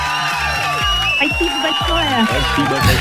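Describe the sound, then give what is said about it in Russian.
A crowd applauds and cheers loudly for a few seconds on the Europa Plus radio show, with excited whoops and voices rising over a steady wash of clapping. “Эти аплодисменты тоже вам.”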